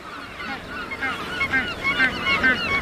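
A crowded colony of thousands of Magellanic penguins nesting on the beaches of the Valdés Peninsula in Patagonia, Argentina, brays and honks, many harsh overlapping calls rising and falling continuously, some loud, others blending into a dense background chorus.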